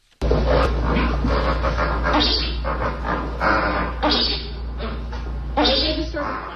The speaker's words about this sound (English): And so we leave you with our sound of the day. Here, briefly, are the grunts and so-called chuckles of 30 flamingos riding out the storm.